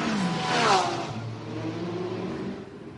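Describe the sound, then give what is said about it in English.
Race car engines roar as Wayne Taylor's number 40, the number 31 and the second Wayne Taylor car accelerate out of pit lane into a GTD field, a rising whine sweeping upward early on, then settling into a steady, loud mechanical drone. “Now they've all just driven straight out of the pit lane into a GTD field.”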